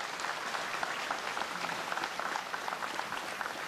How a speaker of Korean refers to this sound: 부처님 오신 날을 맞이하여 온 세상이 모두 함께 행복하기를 기원하는 총무원장 스님의 봉축사였습니다. 원장 스님께 다시 한번 감사의 박수 올리겠습니다.